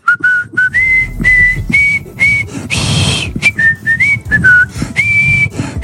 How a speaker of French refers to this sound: mais je vais quand même siffler la Marseillaise pour conclure cette émission.